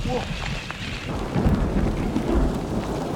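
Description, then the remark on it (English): A thunderstorm: steady rain hisses throughout while low, rumbling thunder swells and rolls in deep waves, peaking around the middle and again near the end, with no voices. “On est en train de se choper un petit orage.”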